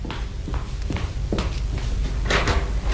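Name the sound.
door opening or closing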